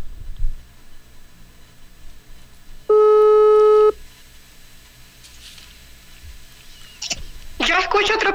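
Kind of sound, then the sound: signal or alarm, telephone call tones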